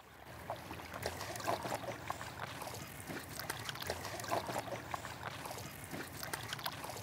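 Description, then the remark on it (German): A boat glides over calm water on the way from Melbeck to Lüneburg, with a steady wash of gentle lapping and small splashes and trickles along the hull, holding an even level throughout with no voices. “Aufs Wasser, oder?”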